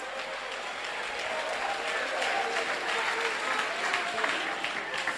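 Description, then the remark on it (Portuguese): A crowd claps steadily and loudly in worship to Jesus, with mixed voices calling out glory to God and praising over the continuous applause. “Palmas misturado com glória a Deus.”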